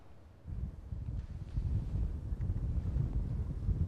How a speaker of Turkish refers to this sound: Anladığımız kadarıyla şu an tişörtünden de bu anlaşılıyor. Çok ciddi bir rüzgar da var.